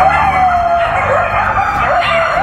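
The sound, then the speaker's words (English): Several coyotes howl together at night in an abandoned development in West Hollywood, Los Angeles, in long, wavering, overlapping cries that rise and fall, loud and continuous across the whole stretch with a faint low background rumble beneath. “Coyotes wandering the floors of this abandoned development in West Hollywood.”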